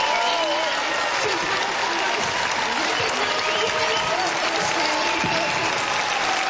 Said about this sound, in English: When the Liberal leader Angus Taylor took to the stage, dozens of people gave a round of applause before the One Nation leader Pauline Hanson's address, when she received a standing ovation.